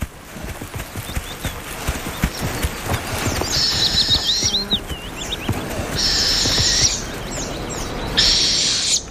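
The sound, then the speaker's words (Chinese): A northern hawk owl, nesting in a tree hole dug by a woodpecker, gives three shrill, raspy, high-pitched bursts of calling, each lasting about a second, over a steady background of low rustling and irregular soft knocks. “猛枭在啄木鸟凿出的树洞中安了家。”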